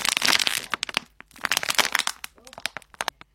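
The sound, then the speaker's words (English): A plastic bottle is crushed in loud, irregular bursts of crackling and crinkling, dense at first, then breaking into sharp separate pops and snaps. A faint voice briefly murmurs underneath. “My sound was a plastic bottle that was being crushed.”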